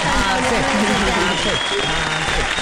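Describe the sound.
A burst of steady, loud applause from a group on the La Calle 96.9 radio show, given for a colleague and their work: dense clapping that continues throughout, with voices faintly talking underneath.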